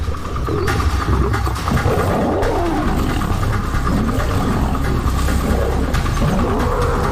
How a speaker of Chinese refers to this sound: 年长的公狮遇到了对手，他无法同时对付两只狮子，最终败下阵来。